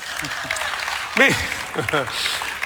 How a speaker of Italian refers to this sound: Applauso.